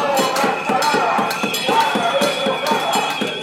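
A crowd of about 200 residents, affected by the halted rehabilitation works on the Santa Catalina housing blocks, bangs pots and pans in protest in front of the town hall on a Friday: a steady, rapid clatter of metallic strikes, with ringing high tones sustained over crowd noise throughout.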